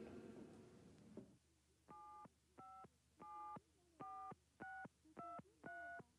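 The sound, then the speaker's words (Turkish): A phone keypad beeps out seven quick dialing tones in a steady sequence, clear, following a brief burst of rustling handling noise at the start, as someone dials to call a relative. No one speaks. “Ama Seçil'e telefon edebilirim.”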